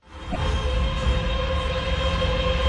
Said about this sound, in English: If you're wondering what it is the sound of a data center, because behind every question, every image, every prompt you send to AI, there's a physical infrastructure making it happen